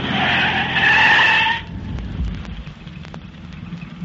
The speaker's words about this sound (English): And I'm going to stop going right in that narrow place just ahead of us. Hang on while I skid this car straight across the road. But that will block the road.